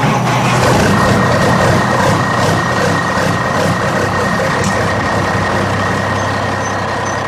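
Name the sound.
truck engine running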